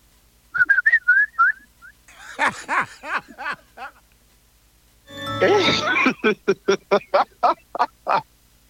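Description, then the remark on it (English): Someone whistles a few short, warbling tones, then breaks into a run of harsh, squawking bird-like calls in quick, evenly spaced bursts that sound like a person imitating fowl. Clear. “Are you the one whistling?”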